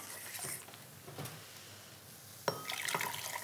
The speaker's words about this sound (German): So, wenn das jetzt hier so das erste Mal aufploppt, dann gebe ich einen Teil von der heißen Flüssigkeit noch mal in die Stärke.